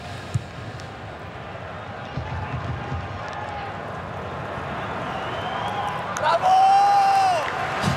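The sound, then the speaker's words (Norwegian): A steady roar of crowd noise in a full stadium at a football match against Canada, with scattered shouts, swelling into louder cheering from the Bosnian substitutes as their side wins duels near the end, where a sharp whistle blows over the din. “Hør hvordan, og se hvordan det jubles der nede blant de bosniske innbytterne når de går seirende ut av disse duellene.”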